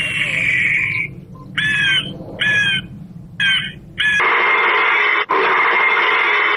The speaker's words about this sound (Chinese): 为了防止野猪，安设的野猪驱离器，这一共是16种，有打枪声、杀猪声，就狼叫、虎叫，就各种叫声。 这是什么叫？狗叫？ 这是狗跟猎枪嘛。